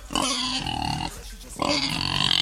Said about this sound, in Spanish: El chancho. Todos los sonidos tiene.